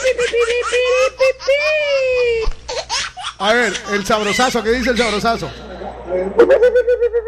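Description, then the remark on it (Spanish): A voice imitates El Chavo crying: a high, wavering whimpering cry in drawn-out, sobbing bursts, mixed with brief spoken talk. The sound is fairly loud. “No, pero ya eso parece el chavo llorando. Sí, ya eso es el chavo llorando.”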